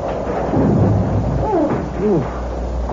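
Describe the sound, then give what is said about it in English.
A thunderstorm with rain: a steady, heavy wash of rainfall over a deep, rolling rumble of thunder that swells and lingers, with brief faint vocal sounds partway through. “It's better than driving through that horrible storm all the while.”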